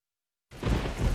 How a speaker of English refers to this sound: It's pouring rain. It's real dark outside.